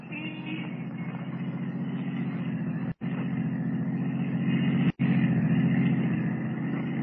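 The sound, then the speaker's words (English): A taxi cab's engine rumbles steadily, a low, continuous drone as the cab pulls away with Kent aboard to follow a woman driving a blue roadster, broken only by two brief dropouts; no one speaks. “Rather than risk detection by trailing the girl as Superman, Kent steps into a waiting taxi cab and follows her.”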